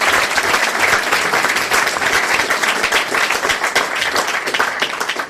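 Steady, loud audience applause: dense, rapid clapping from many hands, sustained at an even level for several seconds with no voices standing out.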